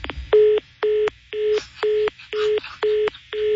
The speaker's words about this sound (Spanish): Esa colgada de teléfono y una mentada de madre, exactamente lo mismo.